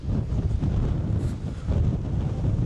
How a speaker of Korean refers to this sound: 와, 바람. 지금 일단 호프소스라는 지역에 캠핑장에 도착을 했는데, 어우, 바람이 엄청 세네.